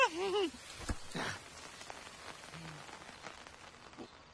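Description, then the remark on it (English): Steady rain falls on Sesame Street, pattering down in a dense, even hiss with scattered crackly drops, louder at first and then settling. A brief warbling tone sounds at the very start. “Today on Sesame Street, we are expecting rain.”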